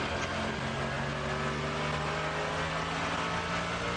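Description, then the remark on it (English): A race car engine roars loudly, heard through the onboard camera as the car comes down to the bridge, a dense mechanical drone with steady harmonic whine as the driver changes gear, with no voices over it. “Well, he's still changing gear.”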